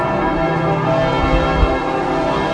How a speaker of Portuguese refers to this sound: Às 9h58, quando o Papa Leão XIV aterrou em Paris, tal como anunciado, os sinos da capital tocaram durante 7 minutos.